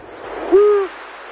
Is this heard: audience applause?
no